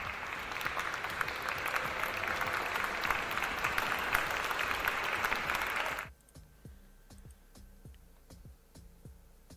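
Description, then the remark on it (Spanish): Loud, dense applause from a crowd fills the first six seconds, then cuts off abruptly, leaving a few faint scattered claps and quiet ticking sounds. “Bueno, sus aplausos.”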